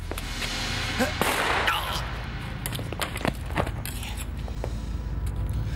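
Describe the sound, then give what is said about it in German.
A sharp gunshot cracks out early on through a noisy background, followed by scattered clicks and footstep-like taps, with muffled voices. “Guter Schuss. Vorschriftsmäßig.”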